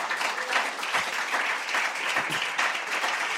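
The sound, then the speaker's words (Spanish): A church audience applauds steadily, many hands clapping at once in a dense, continuous wash of sound that stays fairly loud and even throughout, with no voices standing out. “Vienen a la casa de Dios, aplauden a cada rato, así como ustedes.”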